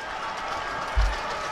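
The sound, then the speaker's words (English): A stadium crowd at a baseball game cheers and claps in a steady, dense roar, urging on pitcher Taj Bradley with two strikes, two outs and one on while the Twins are down a run. The roar holds level throughout, with one dull low thump partway through and no voices standing out. “Crowd trying to get behind him.”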